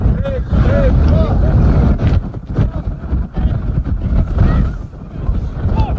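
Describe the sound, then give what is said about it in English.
Loud, steady wind buffets the microphone, a heavy low rumble that gusts and dips throughout, with faint voices mixed beneath the roar. “Yeah, very windy out there.”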